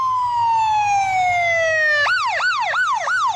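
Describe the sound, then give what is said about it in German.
A loud ambulance siren from Fire Station 10 in Seattle, Washington (ambulance 85 or 810), on an emergency run, wails in a long downward sweep, then switches to a rapid yelp of four quick rising-and-falling cycles, with a low engine rumble underneath. “Wenn 85 oder 810, die Rettungswagen der Feuerwache 10 in Seattle, zu einem Einsatz fahren, haben sie es eilig.”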